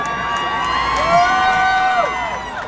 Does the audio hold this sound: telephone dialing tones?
no